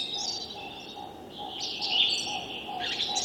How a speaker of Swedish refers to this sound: Men vad vi hör, det är framförallt taltrassen som sitter närmast.